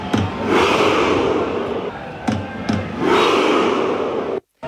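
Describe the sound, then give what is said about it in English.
A huge stadium crowd of Norwegian fans performs the Viking Row chant: sharp drum hits are each followed by a long, loud collective roar as the crowd moves back as if rowing, repeating twice in a slow, steady rhythm. “That's a whole stadium rowing. Yep. Like, so they bang the drum and then they row and they all move back as if they are actually rowing.”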